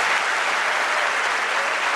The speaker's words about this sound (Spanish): Un aplauso al Señor en esta mañana.